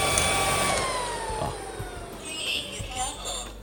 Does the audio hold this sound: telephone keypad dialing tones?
no